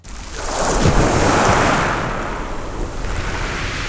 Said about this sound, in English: Here in Saint-Léonard-on-the-Sea, I recorded properly my first waves. And I'm amazed that waves, like air waves, produce traces in infinite ways. I'm on the edge of the shore, and I contemplate the infinite horizon, an horizon of wave traces.